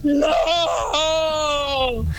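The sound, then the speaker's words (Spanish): A loud human scream, a short cry that breaks into one long, sustained wail sliding downward in pitch, frightening and alone with no other sounds. “Hay otros que ahí medio me platicaban algo a escondidas, pero no era así, era un grito aterrador.”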